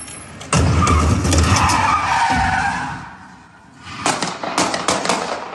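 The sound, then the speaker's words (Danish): A white car's tires skid and squeal loudly as it makes a very fast 180-degree turn and drives into a large rubbish bin, the engine roaring, followed by a burst of sharp, rapid bangs as a police officer on foot fires several shots at the car. “Den her video, som jeg har fundet hos TV2, viser sådan en hvid bil, der vender 180 grader meget hurtigt, kører ind i en stor skraldespand, imens den gør det, og så samtidig så følger en politibetjent til fods efter bilen og skyder adskillige gange”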